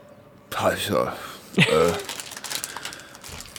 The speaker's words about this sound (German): Das bin ich, das ist nur die Tüte.